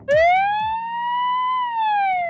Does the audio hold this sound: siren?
yes